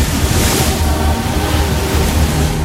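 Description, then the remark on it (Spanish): Several dolphins splash and dive in the open sea ahead of a ship's bow as it sails at 21 knots on a sunny, calm day, heard as a constant rush of water and surf over a steady low engine rumble, loud, with no voices. “Varios delfines se unen al primero realizando alegres zambullidas.”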